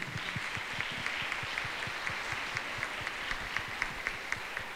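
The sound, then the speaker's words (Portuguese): An audience at a church Mass claps together in sustained applause, a dense crackle of many hands with a faintly steady, rhythmic pulse running through it, no voices over it. “Senhor, salva de palmas.”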